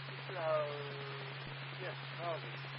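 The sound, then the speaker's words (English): A steady wash of heavy rain in the rainy season in Kumamoto, Kyushu, Japan, on a Sunday morning, hisses evenly throughout, with a low constant hum underneath and a couple of brief voice-like tonal sounds rising above it. “That's why the local blows a heavy rain downpour.”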